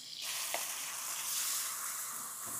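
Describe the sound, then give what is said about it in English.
Minced onion sizzles steadily in a hot frying pan, a dense, bright hiss that holds at an even loudness throughout, with a brief crackle or scrape partway through and no one speaking. “So now I'm going to go in with the onion. This onion's going to cook like in 1 second.”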